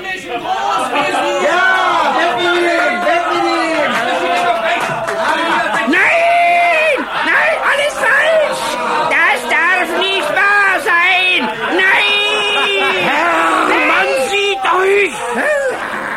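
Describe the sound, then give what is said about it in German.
A large crowd of the city's population cheers and shouts jubilantly as a caged man is carted through the splendid city, many voices overlapping in rising and falling calls, loud and sustained throughout without a break. “Unter dem unbeschreiblichen Jubel der Bevölkerung wurde er von seinem treuen Mietsklaven Tunichgut durch die prunkvolle Stadt gekarrt.”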